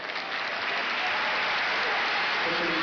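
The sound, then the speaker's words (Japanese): A large sumo arena crowd applauds steadily, growing louder after the arena announcement of the day's final bout, a dense, even wash of clapping that swells slightly at the start and then holds loud and constant throughout, with no voices standing out. “結びの一番という場内アナウンスに対して、また一段と拍手が大きくなりました。”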